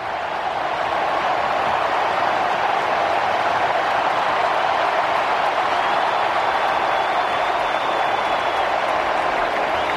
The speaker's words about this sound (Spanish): Se viene el 10, se viene Leo Messi, se marcha Lautaro y esta es la ovación para el número 10, Leo Messi.